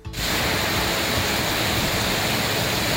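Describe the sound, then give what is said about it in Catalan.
A heavy early-morning downpour, a concentrated cloudburst across several parts of the country, roars steadily as a dense, unbroken hiss of rain that starts almost at once and holds at the same loud level throughout, with no voices. “Patac d'aigua concentrat i considerable a diversos punts del país, que ha igualit el Primavera Sound, la Patum de Berga, que ha provocat problemes de mobilitat.”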